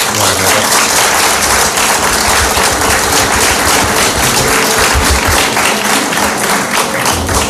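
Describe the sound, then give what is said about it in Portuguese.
Steady, loud applause from an audience for fado singer Maria da Fé, a dense wash of many hands clapping without pause for several seconds, with no voices standing out. “Peço já, desde já, uma salva de palmas.”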